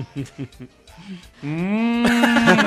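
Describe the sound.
A brief stretch of talking, then a single long, loud cow moo that swells and grows harsher toward the end, drawn out for over a second.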